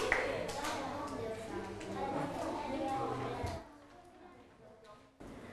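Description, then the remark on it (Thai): A classroom full of children claps together for group 5 after their presentation, a dense, busy patter of many hands mixed with chatter for a few seconds, then it quickly fades to quieter room noise. “ทุกคนปรบมือให้กลุ่มที่5หน่อยค่ะกลุ่มที่5เก่งมาก”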